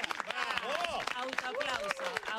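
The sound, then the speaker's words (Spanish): Steady applause from a studio audience greeting Clara Ulrich, a dense patter of clapping that continues throughout, with excited voices calling out and talking over it. “Como corresponde a la señora Clara Ulrich, que viene fuerte el aplauso.”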